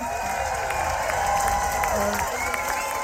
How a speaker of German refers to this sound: Riesen Applaus!